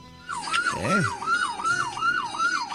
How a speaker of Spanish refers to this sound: Están haciendo sonar la sirena. No sé a dónde se dirigen, a dónde van.